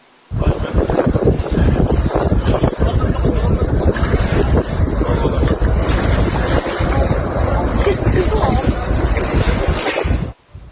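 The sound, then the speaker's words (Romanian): A burning tourist boat with over 100 tourists aboard, at sea in Turkey, heard as a loud, continuous roar of wind buffeting the microphone over churning water and engine rumble, steady for about ten seconds with no clear speech. “Imagini terifiante vin și din Turcia, unde un vas cu peste 100 de turiști la bord a fost cuprins de flăcări”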